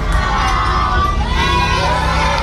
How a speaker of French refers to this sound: il chante joyeux anniversaire à Frépertuis